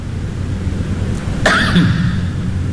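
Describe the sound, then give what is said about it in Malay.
A single sharp cough bursts out partway through, fairly loud, trailing into a brief voiced rasp, over a steady low background rumble. “Batuk tu.”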